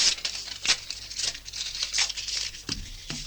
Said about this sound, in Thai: ผมเห็นคุณกำลังฉีกกระดาษอะไรอยู่อ ่ ะ กระดาษไม่ใช่แล้วค่ะ